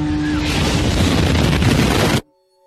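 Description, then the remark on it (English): A loud bomb blast at a race finish line, the first bomb to go off: a deep booming roar with heavy low rumble that churns for about two seconds, then cuts off abruptly into near silence. “And so when 57 seconds after I crossed the finish line, right as we went to start walking, the first bomb had gone off.”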